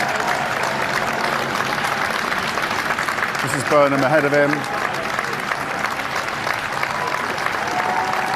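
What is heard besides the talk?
crowd cheering and applauding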